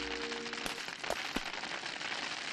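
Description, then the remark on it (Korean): Dense, steady pattering and clattering of hail pelting down, a continuous hiss of many small hits with a few sharper, louder cracks standing out. “잠깐만, 하늘에서 떨어지는 얼음이라면 혹시... 이건 우박이야.”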